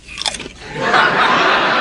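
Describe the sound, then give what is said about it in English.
A crisp crunch of Johnny biting into a potato chip from his own bowl, followed by a second or so of loud, crackly chewing. No one speaks. “And she heard Johnny crunch down on a potato chip, and she almost had a heart attack.”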